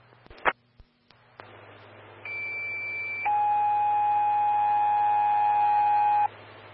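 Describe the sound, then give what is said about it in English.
Evergreen Fire dispatch alert tones for Station 2, engine 132 and medic 112, called to a motor vehicle collision near Highway 103 and Squaw Pass Road, over a humming radio channel: after a few clicks, a steady high tone holds for about a second, then a louder, lower tone sounds for three seconds before cutting off. “Station 2, engine 132, medic 112, standby for tones on a motor vehicle collision.”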